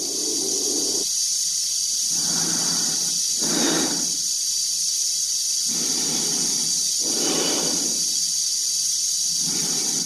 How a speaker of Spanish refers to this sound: A través del cristal de la cápsula y del de su casco se ve la cara tensa de Dave, cuya respiración se amplifica por los transmisores.